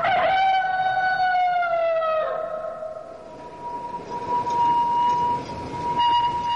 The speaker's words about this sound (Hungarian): Az első villamos.